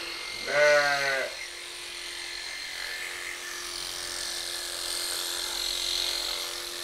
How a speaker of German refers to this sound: Ja, war das auch ein bisschen das Schaf.